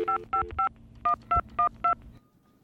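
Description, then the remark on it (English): A telephone number is dialed on a touch-tone keypad: seven short two-pitched beeps, three in quick succession, a brief pause, then four more at an even pace, over faint background hum. “Oh, I'd better call”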